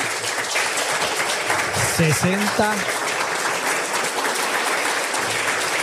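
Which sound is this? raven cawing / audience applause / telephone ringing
audience applause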